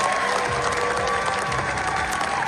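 Sustained, dense applause from a large crowd, loud and continuous, with many hands clapping at once in a steady roar: a 15-minute ovation at the premiere of the Spanish film La Bola Negra at the Cannes Film Festival in France.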